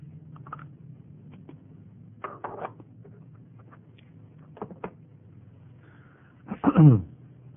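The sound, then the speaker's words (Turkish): After a stretch of low hum and a few faint clicks, a single loud throat clearing rasps out near the end, rough at first and then dropping into a short voiced growl. “böyle bir dizaynda boğazımızda gıcık olduğu zaman bir karanfil tanesi alıyoruz ve çiğniyoruz.”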